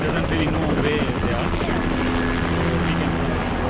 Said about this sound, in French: Sur ce camp de l'armée, une dizaine d'hélicoptères décollent et atterrissent tour à tour. Ils chargent des vivres à livrer en zone sinistrée à 50-100 km au nord.